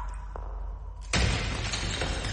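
After a second of low, quiet rumble, a clay jar inside a cave, struck by a thrown stone, suddenly shatters with a loud, harsh crash that stays as a dense, rattling wash of breaking pieces until the end.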